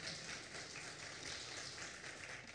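An audience applauds in praise to the Lord during a sermon, a dense, steady wash of many hands clapping that holds at an even loudness for a couple of seconds with no voices over it.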